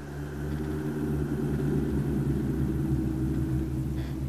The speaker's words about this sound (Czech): Slyšel jsi? Někde v horách bouří.